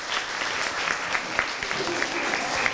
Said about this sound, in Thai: เดี๋ยวขอตัวแทนกลุ่มไหนครับที่เป็นคนที่จะตอบข้อแรกดีกลุ่มนี้นะครับปรบมือให้กับข้อแรกด้วยครับ